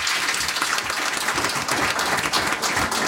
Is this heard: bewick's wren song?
no